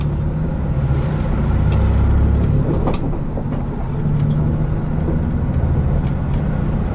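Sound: bus ride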